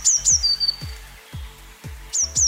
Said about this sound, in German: So richtig, eine Blaumeise.